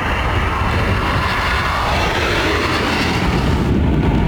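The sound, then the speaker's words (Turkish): KAAN, Turkey's fifth-generation national combat aircraft, roars steadily and loudly in flight for several seconds, a dense, continuous engine rumble with a broad hiss, unbroken, with no voices. “İlk uçuşunu 21 Şubat'ta yapan 5. nesil Milli Muharip Uçak Kaan, 6 Mayıs'ta da ikinci uçuşunu gerçekleştirdi.”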